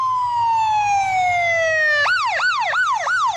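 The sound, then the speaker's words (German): A loud siren from an ambulance of Fire Station 10 in Seattle, Washington, USA, rushing to an emergency call, holds a long descending wail, then switches to a fast, repeating yelp of about four rising-and-falling cycles, with a low engine rumble underneath and no voices. “Wenn 8-5 oder 8-10, die Rettungswagen der Feuerwache 10 in Seattle, zu einem Einsatz fahren, haben sie es eilig.”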